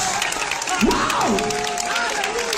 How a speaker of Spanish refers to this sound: Ahora, en nombre de Jesús, aplausos al Señor.